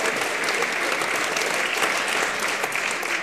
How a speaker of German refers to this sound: Ja, aber das ist wirklich nett, dass sie da klatschen.